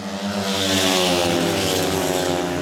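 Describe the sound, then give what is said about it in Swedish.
Speedway motorcycles roar around the track in Gislaved, Sweden, in heat 5 of the Småland derby, on the third lap, with Danish rider Andreas Liager and Pavel Sedpelski of Poland at the front. The engines are a loud, continuous, high-revving drone with layered tones that hold steady throughout, with no talking. “Jämkamp i Smålandsderbyt in på tredje varvet. Andreas Liager, dansken, leder tätt bakom Pavel Sedpelski från Polen.”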